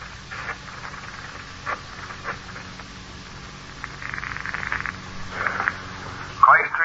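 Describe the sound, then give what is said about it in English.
A phone call being placed over a hissy, crackling line: a few scattered clicks, then two buzzy ringing bursts and a short rising tone at the end. No one speaks. “Just call him on the phone again.”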